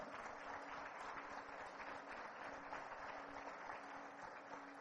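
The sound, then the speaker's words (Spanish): An audience of UNEFA officials, councillors and people of Caracas applauds steadily at an afternoon event, a dense, continuous wash of many hands clapping at an even level for several seconds with no pauses and no voices. “Un aplauso para ustedes, muchas gracias por acompañarnos en la tarde de hoy.”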